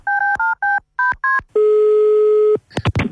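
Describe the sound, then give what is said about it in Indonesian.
Seven quick, loud telephone keypad dialing beeps in an uneven rhythm, followed by a single long steady tone lasting about a second, then a brief burst of clattering noise. “Kita telepon lagi Uni.”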